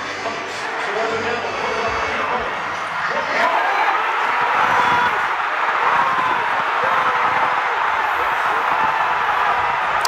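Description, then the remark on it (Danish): A large crowd of basketball fans at a big-screen event in New York on a Saturday evening roars and cheers without letup, many voices shouting and whooping together in a dense, loud wall of sound that swells slightly after the first few seconds. “Vi kan jo lige prøve at høre, hvordan det lød lørdag aften til Storskærms arrangement i New York.”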